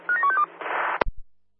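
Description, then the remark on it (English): A rapid run of four or five short touch-tone dialing beeps, followed by a brief burst of line hiss and a sharp click as the call connects. “Hospital 1, stand by for the phone call.”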